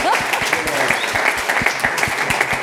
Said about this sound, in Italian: Facciamo un applauso! Grazie!